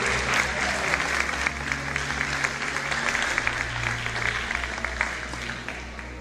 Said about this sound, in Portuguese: Querem aplaudir? Pode aplaudir o nosso Deus maravilhoso.